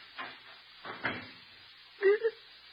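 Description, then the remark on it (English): A front door swings shut: a soft knock, then a heavier wooden thud a moment later, followed by a brief, faint rattle as it settles. The sounds are fairly quiet. “I can find the door.”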